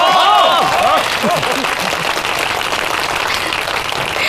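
A group breaks into steady, sustained applause to welcome a team captain up to say a few words, holding at an even loudness for the whole stretch, with a few voices whooping and calling out over it in the first couple of seconds.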